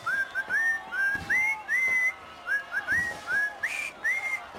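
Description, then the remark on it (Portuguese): Someone whistles the Happy Birthday tune alone, a clear melody of short rising and stepping phrases with brief breaths between them and no talking. “Então vou assobiar os parabéns ao Portugalex”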